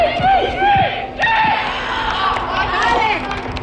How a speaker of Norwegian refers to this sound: En av guttene på Nordreisas G13-lag setter ballen I mål på trening til stor jubel fra lagkammeratene. Treningen har de inne I Reisa Airdome, den nye fotballhallen som Storslett fikk for 2 år siden.